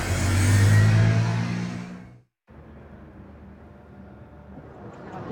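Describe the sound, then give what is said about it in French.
A scooter engine revs loudly for about two seconds as Patrick Bruel departs from the Théâtre Édouard VII on a scooter, then cuts off abruptly, leaving quieter, steady street noise with a low rumble. “Plutôt un départ en catimini du théâtre Édouard VII en scooter.”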